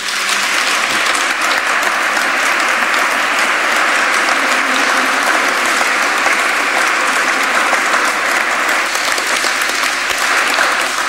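Steady, dense applause from an audience in a cathedral, for a man soon to be ordained a priest, many hands clapping continuously at an even loudness for about eleven seconds, with no voices standing out over it.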